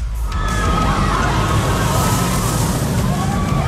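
A roller coaster roars along its track, a loud, steady rumble and rattle with high metallic squeals sliding over it throughout, continuous with no talking.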